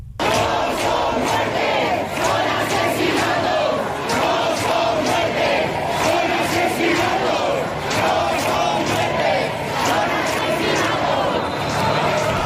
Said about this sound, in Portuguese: O que aconteceu não foi uma morte, foi um assassinato, assim gritam os manifestantes esta noite, horas depois de saber da morte de Mari Carmen Abascal. Os manifestantes prometem continuar a lutar pelo direito à habitação.